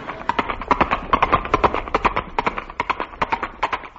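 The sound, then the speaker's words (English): Horse hooves clip-clop in a brisk, steady rhythm on a hard surface, fairly loud, with a rapid run of sharp knocks lasting the whole stretch and no voices over them. The horse is Granny, the Wonder Horse. “No, no, no, that's Granny, the Wonder Horse.”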